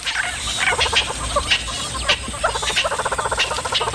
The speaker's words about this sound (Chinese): 这只雌性花豹眼下需要好好休息，可它的邻居们偏不让它安宁。这些鸟类对花豹满是戒备，只要看见花豹就会发出响亮的叫声提醒同伴。